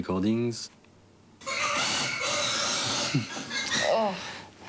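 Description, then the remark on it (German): A pig being transported to a slaughterhouse lets out a sharp, harmonic squeal, then a loud, steady rumble of clattering noise follows, broken near the end by another short, strained squeal. “Das ist vom Transport zum Schlachthof.”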